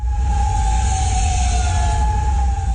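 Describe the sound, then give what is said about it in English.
An air raid siren wails overnight in Kuwait City during missile and drone attacks, in a long, steady sustained tone that barely rises and falls, over a heavy low rumble of outdoor noise, with no voices. “Sirens ring out overnight in Kuwait City.”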